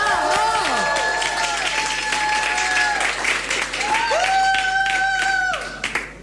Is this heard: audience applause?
yes